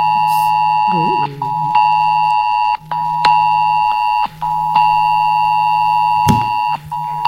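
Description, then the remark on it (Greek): A loud, harsh mobile phone emergency alert test tone with steady stacked pitches, pulsing in long repeated bursts separated by brief gaps, sent as a first-time test to mobile phones across Australia at exactly 2 pm. “Κάπως έτσι δεν έκανε το κινητό σου?”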